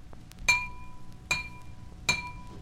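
A drinking glass with water in it is tapped three times at an even pace, each strike producing a bright, clear ringing tone that lingers and fades before the next tap.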